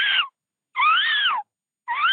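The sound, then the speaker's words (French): A child's voice imitates the squeaky rear wheel of a bicycle with three loud, high, wavering squeals separated by short silences, the middle one longest and sliding downward at the end. “Toto, il y a ta roue arrière qui grince.”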